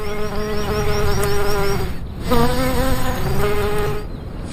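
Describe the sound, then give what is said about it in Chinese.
A large, furry drone bee, twice the size of a honeybee, buzzes loudly in flight among flowers on an alpine scree slope, a steady droning hum whose pitch rises and falls, dipping briefly twice as it moves around. “花朵听到它巨大的嗡嗡声，就会加速生产花蜜，就像是传说中的芝麻开门一样。”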